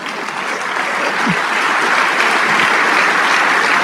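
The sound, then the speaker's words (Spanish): A crowd applauds for the King of Kings, steadily and loudly, dense overlapping claps forming a continuous wash of noise that holds its level for the whole stretch without pause or voices. “Sí, ese aplauso es para el Rey de Reyes.”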